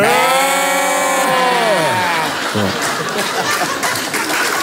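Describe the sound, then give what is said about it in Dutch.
Several voices break into a loud, wavering sheep-like bleat together, a human imitation of sheep, which quickly dissolves into laughter and noisy chatter. “We zijn schapen.”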